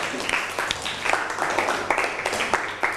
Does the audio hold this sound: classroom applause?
yes